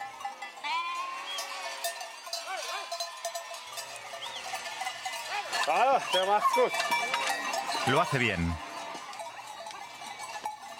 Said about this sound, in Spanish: Las ovejas parecen impacientes por subir la empinada pista de esquí.